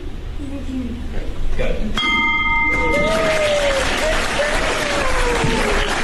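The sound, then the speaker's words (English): A ceremonial bell, rung by the speaker and three special individuals to close the day's business, is struck once, its bright ringing tone sustaining for a moment before a crowd breaks into loud applause and cheering that continues to the end. “So that really concludes most of our business items for the day, but I really cannot close out and hold this gavel and ring this bell without inviting those three special individuals to help me ring out the bell today.”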